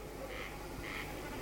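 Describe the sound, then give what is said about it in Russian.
A common snipe drumming in flight by vibrating its tail feathers at evening dusk over a meadow: two short, bleating, buzzy bursts, a brief pause between them, faint over a steady low background hum. “Наперебой кричат коростели, и время от времени, вибрируя перьями хвоста на лету, блеет барашком бекас.”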